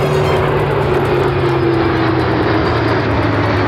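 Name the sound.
military aircraft flying overhead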